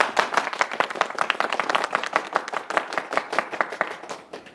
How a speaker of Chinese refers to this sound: 那弟兄们，时间紧，任务急，我就不多啰嗦了啊。这位是我兄弟宋队长，大家鼓掌欢迎。